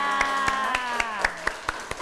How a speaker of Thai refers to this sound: ในวันนี้ก็ขอเสียงปรบมือให้กับวิทยากรคนพิเศษของเราด้วยนะคะ